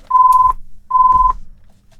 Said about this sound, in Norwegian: Og der ringer telefonen.